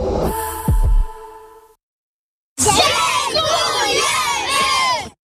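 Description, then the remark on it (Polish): A short musical stinger with low thumps fades to silence, then a group of children's voices, beneficiaries of the Castorama Foundation in Poland, shouts together loudly and excitedly, thanking the foundation's employee volunteers for a few seconds. “Tak właśnie podopieczni Fundacji Castorama dziękują pracownikom, którzy jako wolontariusze pomagali i wciąż pomagają tysiącom dzieci i dorosłym w całej Polsce poprawić warunki mieszkaniowe.”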